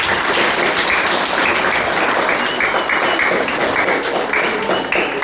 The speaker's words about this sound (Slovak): takže ešte jeden veľký aplauz